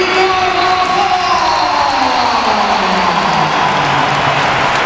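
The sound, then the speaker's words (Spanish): A stadium crowd gives Carvajal a sustained ovation as Bellingham comes on, dense applause and roaring voices blending into a loud, steady wash of noise with a few rising and falling vocal tones. “Y ahora va la ovación para Carvajal.”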